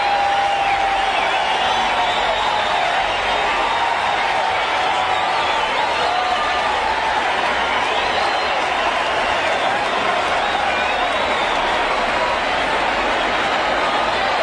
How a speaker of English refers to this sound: Yes. It's out of Tiger Stadium. Kirk Gibson has done it. He got it over the roof in right field, over the third deck, out of this ballpark. Let's listen to the crowd.